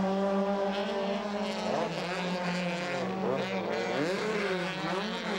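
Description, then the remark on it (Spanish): Loud, whining race car engines roar continuously during a race of 39 cars, their pitch rising and dropping sharply as a car followed closely by two others speeds past, one after another. “Y bueno, seguido muy de cerca por otros dos autos.”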